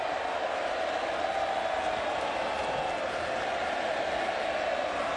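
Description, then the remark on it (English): A vast crowd applauds and cheers in a steady, unbroken roar with no individual voices standing out, at the AFL Grand Final pre-match ceremony. “A round of applause”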